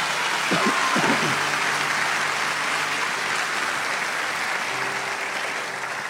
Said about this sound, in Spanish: Dale un aplauso fuerte a Dios.